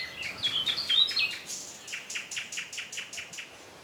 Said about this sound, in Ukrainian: «Тсс!» – прошепотіла дівчинка. А тоді почувся спів Соловейка.